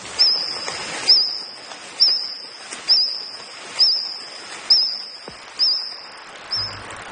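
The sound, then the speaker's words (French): A reconstructed Jurassic-era mosquito wing buzz: a steady, high-pitched whine broken by about eight bird-like chirps at a regular pace of roughly one per second, fairly loud, with no voices. “Mais j'ai demandé à notre technicien Jean-Sébastien de nous faire entendre qu'est-ce que c'était que des moustiques de l'époque du Jurassique?”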